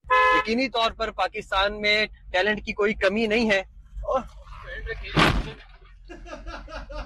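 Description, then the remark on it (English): A man talks excitedly in a language other than English, then a single loud crunching crash of a car into a police car hits near the end, followed by a brief horn-like honking tone as the voice continues faintly. “Yeah, he crashed into a cop car.”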